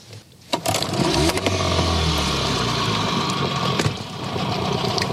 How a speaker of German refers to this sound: Also die Reuse hängt fest, Motor an und ein bisschen rückwärts fahren. In der Hoffnung, dass wir wieder freikommen.